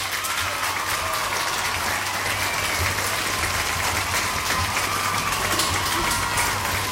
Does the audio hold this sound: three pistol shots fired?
no